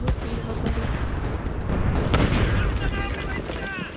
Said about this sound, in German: Dann Schüsse im Hof.